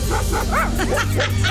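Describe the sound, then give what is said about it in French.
A dog named Poutine barks in a quick series of short, sharp yips, about half a dozen in a row, over a steady low hum in the background. “Bon chien, Poutine.”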